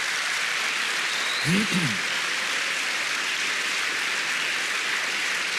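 An audience claps steadily for several seconds in praise of the Lord, a dense, even wash of applause. A short voiced exclamation briefly rises beneath it partway through.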